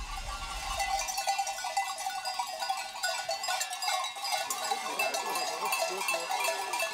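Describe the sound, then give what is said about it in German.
Many bells clank and jingle continuously as a flock of sheep and their drovers arrive home after eight more hours over the mountains, with occasional faint bleats mixed into the steady, busy tinkling. “Nach weiteren 8 Stunden über die Berge kommen Schafe und Treiber dann endlich wieder zu Hause an.”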